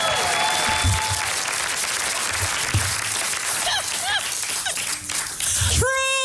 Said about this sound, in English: Let's give Nick Cho and Lonnie Love a nice round of applause